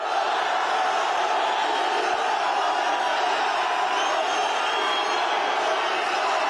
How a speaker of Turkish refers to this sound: Salah'ın üçlü çektirdiği taraftarlar "Ya Allah, Bismillah, Muhammed Salah" tezahüratlarında bulundu. Mısırlı yıldız oyuncu için havalimanındaki karşılama töreni adeta izdihama dönüştü.